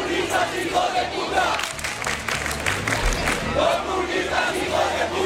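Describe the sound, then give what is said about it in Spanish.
Protesters at a peaceful protest camp chant and shout together across a police cordon in response to provocations from people with Spanish flags, a steady, loud roar, many voices rising and falling in rhythmic bursts with scattered yells over the top. “Incluso en algunos momentos les hemos oído entonar el cara al sol, provocaciones que eran respondidas así al otro lado del cordón policial.”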